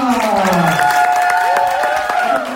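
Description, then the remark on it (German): Loud, steady applause from an audience clapping the first performer, drawn by lot, onto the stage, with sustained whoops and cheering voices rising above the dense clapping throughout. “Ja, das erste Los ist gezogen worden und wir klatschen ihn auf die Bühne. Macht bitte Lärm für”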